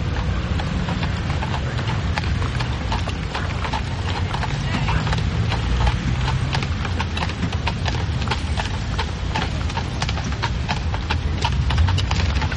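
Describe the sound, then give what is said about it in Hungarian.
Steady, rapid clip-clop of horse hooves pulling a carriage in Avignon, sharp repeated clicks over a continuous rumbling roll of wheels, loud and constant throughout without pause. “Megnézem, honnan indul a párizsi postakocsi. Baldi! Nem magának kiáltanak abból a batárból?”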